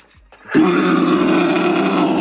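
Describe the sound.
A man imitates a red deer's rutting bellow: one loud, sustained, raspy roar with a deep, buzzing tone that starts abruptly after a brief quiet moment and holds steady to the end.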